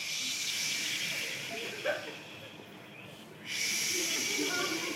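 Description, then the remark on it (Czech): A group of voices imitates the sea with a steady, breathy shushing hiss that swells and ebbs, briefly thinning in the middle before surging back loudly. A short snort-like sound breaks through once. “Takže dobře, zvuky byly super, ale mořský zvuky, jo?”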